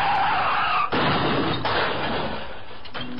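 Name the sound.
car crash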